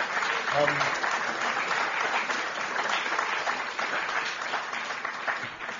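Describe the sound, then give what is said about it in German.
An audience claps steadily for a school class, a dense, even wash of applause that holds at a fairly loud level for several seconds, with a brief voice or cheer rising briefly near the start. “Toll, Applaus bitte für diese Klasse.”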